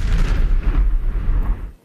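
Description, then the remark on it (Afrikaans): A loud, rumbling explosion sound effect with heavy low-end energy that sustains for nearly two seconds before cutting off abruptly, heard alone without any voices; it marks the Bosveld Stereo R1000 'ontploffing' radio competition. “Die Bosveld Stereo, R1000 ontploffing.”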